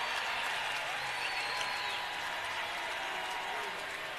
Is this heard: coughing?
no